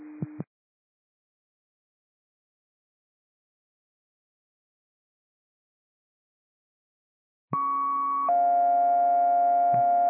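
A brief electronic tone at the start, then after a long silence a sustained two-part alert tone steps from one steady pitch to another, loud and clean: radio dispatch paging tones from Cascade dispatch.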